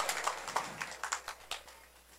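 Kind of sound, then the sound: crowd, applause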